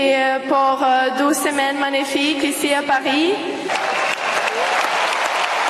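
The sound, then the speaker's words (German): A large tennis stadium crowd on Center Court in Paris applauds steadily and loudly during a 19-year-old winner's interview. A voice speaks over the clapping for the first few seconds, then the dense, even applause continues on its own. “Und das Publikum zu Applaus.”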